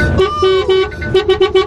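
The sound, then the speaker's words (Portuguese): An alarm clock rings with a loud, buzzy electronic tone, first held in long stretches with short breaks, then chopped into rapid, evenly spaced beeps. “Ó, o seu despertador tá tocando aí, mano.”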